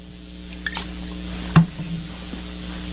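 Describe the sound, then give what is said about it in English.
Quiet, steady fizzing of Trader Joe's sparkling water, used to swallow Relief Factor pills, with a few small clicks and one sharper pop midway, all over a low constant hum. No one speaks. “And all I need is a little bit of Trader Joe's sparkling water.”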